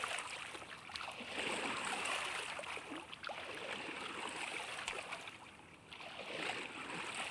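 Steady water lapping and gurgling against the hull of a small drifting boat, continuous with soft splashes, a gentle watery wash throughout and no voices.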